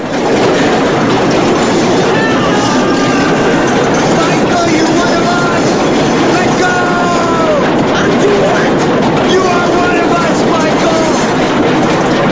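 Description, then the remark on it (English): A train crossing a bridge rumbles loudly and continuously overhead, shaking the whole bridge, its wheels clattering with a harsh metallic rattle and faint squeals, the roar filling the whole span without letting up. “tries to compose himself to keep a grip on the bar as the train rattles and shakes the whole bridge.”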